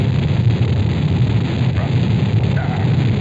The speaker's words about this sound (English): The engine's now building up to 7.7 million pounds of thrust. We have a launch commit and we have a liftoff. The swing arms moving back. The Saturn V lifting off the tower. Alpha pad building up thrust. We clear the tower.